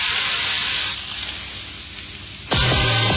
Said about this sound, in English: It takes fire and iron to sizzle the perfect strip.